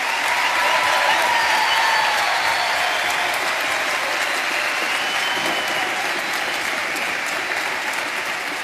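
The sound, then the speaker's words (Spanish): A crowd at a concert applauds a group of children who sang, loudly and steadily for several seconds, a dense wash of clapping that thins slightly toward the end, with a few faint voices mixed in. “Un aplauso fuerte para estos chicos.”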